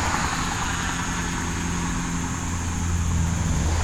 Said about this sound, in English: Alright, I'm kind of looking behind me. There's a lot of traffic this way too.